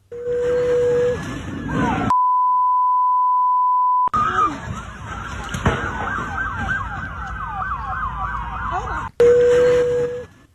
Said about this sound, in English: It's hard to make out if you're not watching it, but that bang you heard sounded like a gunshot. That was actually the truck hitting the vehicles that were there in the line there.